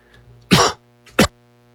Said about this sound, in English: Now, excuse me, I've got a cough today.